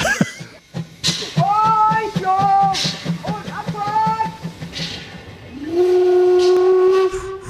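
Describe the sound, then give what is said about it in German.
The Rasender Roland steam locomotive on the island of Rügen chuffs in a steady, loud rhythm with hissing bursts of steam, then lets out a long, sustained whistle blast toward the end. “Da bläst und schnauft er nochmal so richtig schön, dieser rasende Roland auf der Insel Rügen.”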